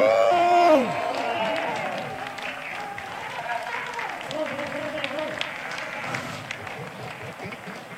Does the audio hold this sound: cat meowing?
no